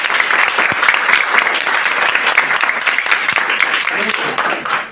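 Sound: audience applause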